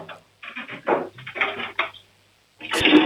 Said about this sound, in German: Wow. Die haben eine laute Klospülung. Ihr habt aber eine schön laute Klospülung